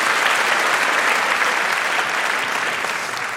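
A crowd claps steadily, a dense, even wash of applause that stays loud throughout and tapers only slightly at the end, with no voices over it.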